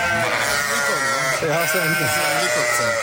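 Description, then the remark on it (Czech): A large flock of about 400 sheep bleats loudly and continuously, many overlapping wavering cries forming a dense chorus with no pause. “To je koncert. 400 ovcí Impulzovy a teďka, slyšíte, mají chuť, mají hlavu”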